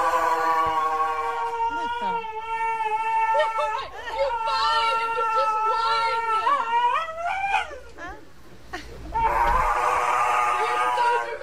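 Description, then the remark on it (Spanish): A dog having its nails trimmed by a groomer whimpers and whines almost without pause, letting out long, high-pitched, wavering cries that slide up and down, with a brief break before the whining resumes loudly. “¿Dónde estaba el perro agresivo? Escucha.”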